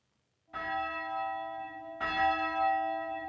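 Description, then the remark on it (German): A church bell in a 20-metre-high bell tower on an island, rung by radio remote control, rings out loud, two heavy strikes about a second and a half apart, each with a rich, lingering metallic hum that overlaps the next. “Früher wurde die Glocke von Hand geläutet.”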